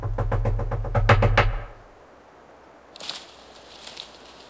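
A rapid series of about eight loud knocks at a small burrow in a forest, coming in quick succession with a heavy low thud, then silence followed by a faint airy hiss.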